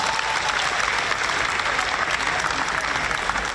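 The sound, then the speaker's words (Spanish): A crowd applauds the company Eternit, dense overlapping claps forming a loud, even wash of sound that holds without pause for a few seconds. “Otro aplauso para Eternit, por favor.”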